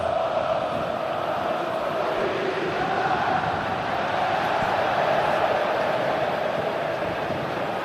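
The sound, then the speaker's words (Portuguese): A crowd of Corinthians supporters at the Neo Química Arena in Itaquera roars steadily for the whole stretch during a 0-0 match. It is a dense, even wall of massed voices and chanting with no sharp peaks or pauses and no single voice standing out. “A torcida corintiana, olha, Neoquímica Arena pulsa.”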